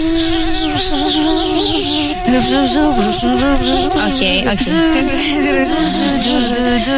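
A voice imitates a mosquito's whine: a steady, high, wavering buzz held for several seconds, loud, with the pitch wobbling up and down.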